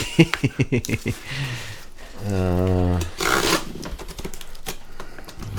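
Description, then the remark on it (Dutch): Black gaffer tape on a package is sliced and torn open during an unboxing, with a quick run of sharp clicks and scraping, a tearing rasp, then more crinkly rustling. A voice hums briefly in the middle. “En nu gaat het dus de zwarte gaffatape even doorspiezen.”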